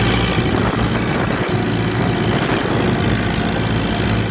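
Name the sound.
tractor engine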